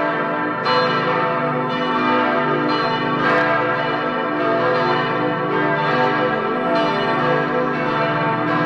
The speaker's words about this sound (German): Und an Feiertagen, wie vor 6 Wochen zu Ostern, da erklingen sie alle zusammen. Noch bis Pfingsten dauert ja in den Kirchen die österliche Freudenzeit. Da können wir uns also noch am österlichen Glockenklang freuen.